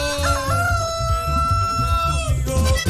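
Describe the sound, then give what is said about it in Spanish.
A rooster crows in one long, drawn-out call lasting a few seconds, loud, over a steady thumping low beat in the background. “¡Canta, gallo!”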